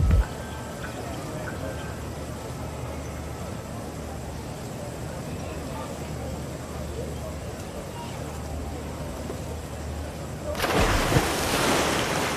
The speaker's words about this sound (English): A little bit too much of a splash.